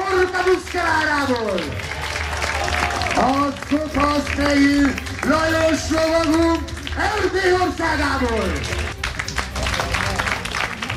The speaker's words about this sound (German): Ja, Applaus für die Pferde und die Ritter dieses mittelalterlichen Spektakels auf der Burg Schümeg nah am Plattensee.